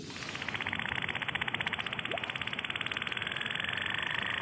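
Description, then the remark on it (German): A boat engine putters steadily and quietly, its soft, even chugging pulses repeating without a break against a faint background hiss, with the sound of waves, in the Westfjord. “So hört sich das an, aber auch eins, das so eher ruhig vor sich hin tuckert.”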